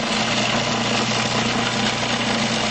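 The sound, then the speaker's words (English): A food processor runs steadily, finely chopping herbs including basil, with a constant, even motor whir and a low droning hum that never changes in loudness. No one speaks over it. “And no need to pre-chop. Nope, because that's what the machine will do.”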